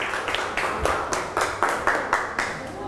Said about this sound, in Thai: ปรบมือให้เพื่อนตัวแทนกลุ่มด้วยนะคะเก่งมากค่ะ